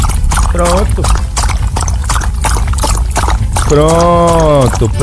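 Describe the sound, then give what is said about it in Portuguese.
Water is poured steadily for animals to drink in a continuous splashing stream, while a voice makes a short call early on and a longer drawn-out sound near the end. “Vai lá, Dorlinha, eu vou botar água lá do lado, do seu lado lá também.”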